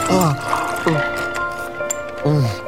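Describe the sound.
Ice water pours from a pitcher in a few gurgling glugs, fairly loud, with faint clinks scattered between them and a voice murmuring in the background.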